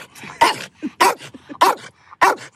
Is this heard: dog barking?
yes